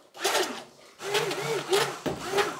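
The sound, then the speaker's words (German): A small electric kitchen mixer whirs in three bursts, a gritty buzzing hum whose pitch wobbles as it blends sugar with inulin and guar gum, with brief pauses between runs. “Am besten nehmen wir jetzt mal den kleinen Mixer.”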